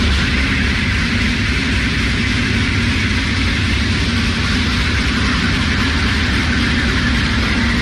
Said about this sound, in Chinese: 现在是上午的8:30，我现在是在宜昌北站的站台上。那在我身后呢，宜兴高铁的首趟综合检测车呢即将驶出站台，这也标志着宜兴高铁正式启动了联调联试工作。